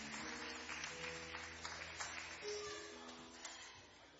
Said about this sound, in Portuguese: Pode bater as palmas, bem alegre para Jesus.